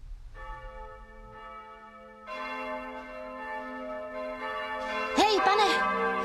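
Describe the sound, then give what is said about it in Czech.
Church bells ring out in a festive peal, their long resonant tones overlapping and swelling fuller as more bells join in, steady and moderately loud over a low background rumble. “Proč se tady tak slavně zvoní?”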